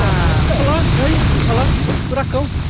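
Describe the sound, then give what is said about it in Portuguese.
Strong storm wind roars and buffets steadily for the whole clip in the courtyard of Band, trees swaying back and forth as thick raindrops begin, a loud, rough rushing noise heavy in the low end, while several voices talk and exclaim over it. “Não, é, tá bem, bem forte mesmo, assim, ventando bastante.”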